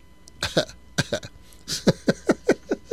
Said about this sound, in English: I feel like I'm going to cough.